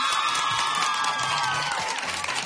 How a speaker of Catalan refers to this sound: Continuem, tornem ara mateix al concurs, però abans volem sentir com animeu a les vostres representants, Institut Martí Lomà. Vinga, un altre fort aplaudiment per elles. Vinga, va.